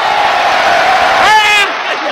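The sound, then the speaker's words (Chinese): A loud wash of audience applause and cheering fills the whole moment, welcoming a performer, with a few rising whoops near the end before it cuts off sharply. “这什么？这是掌声，是欢迎我的，对不对？”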